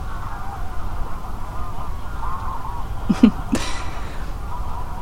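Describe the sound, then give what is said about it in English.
A few short, harsh goose honks burst out near the middle, standing above a steady outdoor hum with faint bird chatter running throughout. “Until about 10 minutes ago, these geese were really quiet.”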